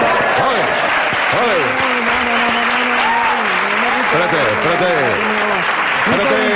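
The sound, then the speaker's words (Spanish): An audience applauds in a steady, dense patter for the whole stretch, with several voices calling out and talking over the clapping. “En un entierro no se puede aplaudir.”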